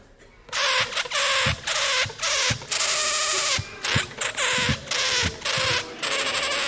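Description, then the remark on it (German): A balloon squeals out a simple tune, its shrill, rubbery squeaks broken into short notes of varying length that follow the familiar rhythm of Happy Birthday. No voices accompany it. “Ich kann aber mit dem Ballon Musik machen und ihr sollt erraten, welches Stück ich auf meinem Ballon spiele.”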